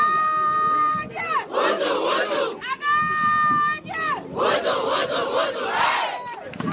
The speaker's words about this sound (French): C'est là qu'elles lancent leur cri de guerre qui les unit dans les vestiaires et sur la pelouse à chaque match.